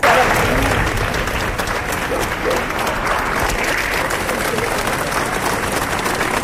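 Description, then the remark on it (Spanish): A crowd of hundreds of people in Murcia applauds steadily outdoors as the funeral procession of mayor Ballesta heads to the cathedral door, a dense, continuous patter of clapping at a fairly loud, even level, with a faint murmur of voices mixed in. “Allí la comitiva fúnebre ha enfilado el camino hacia la puerta del concejo de la catedral, acompañado de cientos de murcianos que le han despedido al grito de ¡Viva el alcalde! Y aplausos para despedir a Ballesta.”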